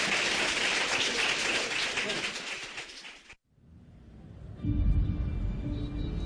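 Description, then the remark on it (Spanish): A burst of dense, steady clapping from a crowd fills the first few seconds, then cuts off abruptly, leaving quieter background ambience and a low rumble. “aplauso”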